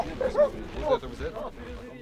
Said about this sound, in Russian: Пошли, пускайте собак по следу. Тарзана, Тарзана вы его возьмите.